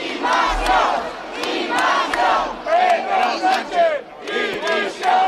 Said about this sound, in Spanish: Gritos de apoyo a Ceuta y también contra el gobierno.